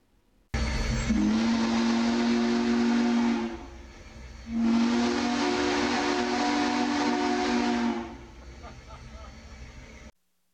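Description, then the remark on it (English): The historic Big Boy steam locomotive at the Walnut Street crossing in Grand Island sounds its whistle in two long, deep blasts, each lasting about three seconds and wrapped in loud, rushing steam hiss that lingers faintly between and after the blasts. “Hundreds of residents coming to the Walnut Street crossing in Grand Island to see the historic train in action.”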